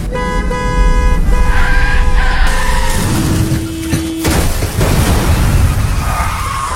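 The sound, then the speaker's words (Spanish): A car horn blares for a couple of seconds, then tires screech in a long skid before a loud car crash and rumbling debris, with no talking. “Ayer tuve un accidente de carro y hoy amanecí con dolor en el cuello.”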